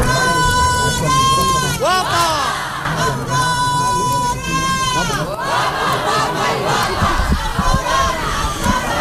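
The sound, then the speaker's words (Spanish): A crowd of men, the traditional shouters of the Holy Thursday procession in the Albaicín, Granada, Spain, shouting and yelling together in long, sustained cries that rise and fall in pitch, loud and continuous, with overlapping voices and a steady background of crowd noise. “Este es el sonido del Jueves Santo en Granada.”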